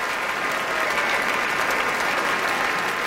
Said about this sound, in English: Now all of the members of the Boston Symphony standing. You heard a large cheer for the horn section led by Richard Sebring here with the BSO.